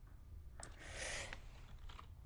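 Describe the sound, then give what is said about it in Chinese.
Soft, scattered keystrokes on a computer keyboard as a song title is typed into a search, a few quiet clicks spaced irregularly over a low steady background hum, with no one speaking. “我来看一下啊，等一下，………哎，这个我这个键盘又太多了，然后搞经常搞错。”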